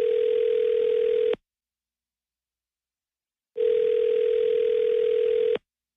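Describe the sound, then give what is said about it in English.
Two long, steady electronic ringback tones heard over a phone line on an outgoing call placed live on the 106.9 KH radio show, each lasting over a second with a pause of about two seconds between them, clear and fairly loud with no talking. “Let's call Jake and see what's going on, though.”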